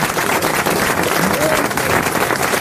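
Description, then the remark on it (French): Sustained audience applause for Marc-Antoine Lebray, a dense, steady wash of many hands clapping at an even, fairly loud level throughout, with a faint murmur of voices underneath. “Vous pouvez applaudir Marc-Antoine Lebray.”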